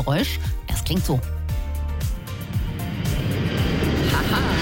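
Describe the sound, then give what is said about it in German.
A holiday airliner taking off: after a few seconds of talking and laughter, a loud, broad engine roar swells up and holds steady to the end, with faint voices underneath. “hebt er ab, der Urlaubsflieger.”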